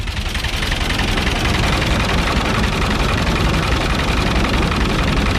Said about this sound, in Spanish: Es el sonido del tractor.